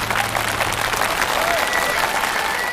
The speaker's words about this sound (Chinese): 掌声有请两位。